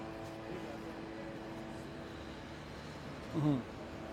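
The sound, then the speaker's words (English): A steady mechanical hum of many drones in the sky above Gaza City runs throughout, a constant buzzing tone, with a brief louder swell near the end. “We can hear the mechanical hum of these sky predators in the area, just causing more panic and more fear”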